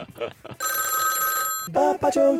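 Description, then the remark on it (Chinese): A telephone rings with a steady electronic tone for about a second, clear and prominent, with people talking briefly before and after it, as a caller's line to a call-in quiz connects. “电话接通啦！”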